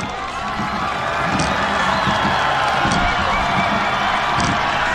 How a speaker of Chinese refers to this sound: 接近终点看台了，能听到现场主场的观众震耳欲聋的欢呼声。